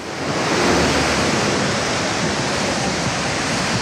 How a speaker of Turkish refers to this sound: İstanbul'da şiddetli yağış her saat farklı noktalarda etkisini arttırıyor. Bizler de şu anda Sarıyer'deyiz, Maslak'tayız. Burada da yaklaşık 15 dakika önce çok şiddetli bir yağış başladı ve her geçen dakikada şiddetini arttırıyor.